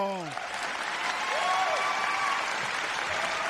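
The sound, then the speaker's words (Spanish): Steady applause from an audience at Domingos Alegres, for a teacher who won a study Bible, fills the space, a dense wash of clapping with a few cheering voices rising over it, continuing without pause. “Un aplauso.”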